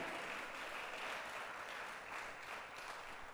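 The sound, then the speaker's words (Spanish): A church audience at an evening service applauds together for the King, a dense, steady wash of many hands clapping at an even loudness throughout, with no voices rising above it. “Démosle un aplauso al Rey en esta noche.”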